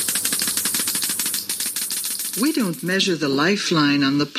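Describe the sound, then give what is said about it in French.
A Geiger counter gives a rapid, irregular stream of sharp crackling clicks for a couple of seconds, then a voice begins speaking as the clicking continues faintly underneath. “It's done with a Geiger counter.”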